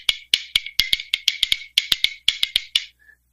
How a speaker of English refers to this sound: I play bones on it. Now, bones are basically rib bones, and you hold them in one hand, and you can kind of get kind of a clicking sound. I'm going to play a little bit just for you.